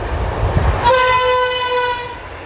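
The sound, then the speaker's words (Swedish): A train rumbles past a spruce tree where drivers sound the horn, giving one long, steady horn blast lasting about a second, loud, over low mechanical rumble and rail noise. No one speaks. “tutningar på löpande band som vi hör också här då från den här granen.”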